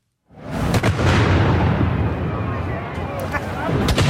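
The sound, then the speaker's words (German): Two loud ceremonial cannon salute shots at noon in Zurich's city centre start the traditional Hirsebrei boat journey: an abrupt boom, then a long rolling rumble and echo that fills the air, with crowd noise in the background and another sharp report near the end. “Mit zwei Böllerschüssen ist am Punkt 12 in die traditionelle Hirsebreifahrt in Zürich losgegangen.”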